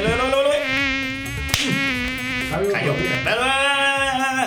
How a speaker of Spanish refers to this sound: Bueno, la verdad es que los berracos zancudos son como los familiares de uno, hermano.